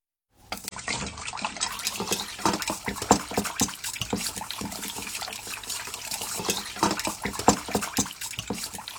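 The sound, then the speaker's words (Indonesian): Dashi broth seasoning liquid, dashi or bonito stock mixed with soy sauce and sugar for seasoning spinach, pours in a steady splashing stream, a broad watery hiss with small irregular gurgles and spatters running continuously for several seconds without any talking. “Tambahkan 1/3 sendok makan kecap asin dan 1/2 sendok teh gula ke dalam 1 gelas kaldu dashi atau ikan cakalang.”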